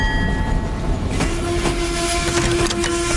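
An old steam locomotive rumbles along with a dense, steady roar, scattered clanks and clicks, and a sustained low whistle tone that starts partway through and holds to the end.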